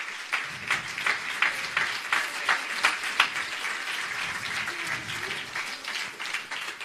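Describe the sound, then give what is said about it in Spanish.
An audience bursts into sustained applause for the one who lives, dense overlapping claps at a steady, fairly loud level with a few sharper peaks, lasting several seconds with no clear speech over it. “Denle un fuerte aplauso al quien vive.”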